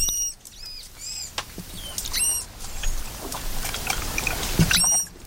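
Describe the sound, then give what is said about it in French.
Manatee calls: a series of short, high-pitched squeaky chirps with a harmonic, whistle-like tone. They come in separate bursts over a steady noisy underwater-like hiss, with no one speaking. “Oh mais, et puis il y a également le cri du lamantin. Ça aussi, on l'a pris pour le chant des sirènes.”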